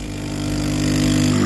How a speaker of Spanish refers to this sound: Esto de que invitarme a un café sea poner un ruido de una cafetera... Cutre.